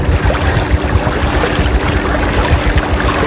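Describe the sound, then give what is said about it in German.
A small rented motorboat putters along slowly on the water, its low engine rumble steady, with splashing and rushing water filling the background throughout. “Das ist, Achtung, hört hier hinten so ein bisschen, man fährt ja nicht schnell mit so einem ausgeliehenen Motorboot.”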